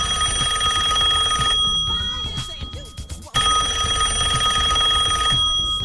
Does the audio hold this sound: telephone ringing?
yes